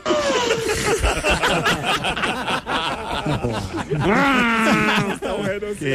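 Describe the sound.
A loud voice imitates a sheep's bleat with a wavering, quavering tone, mixed with snickering laughter throughout the few seconds.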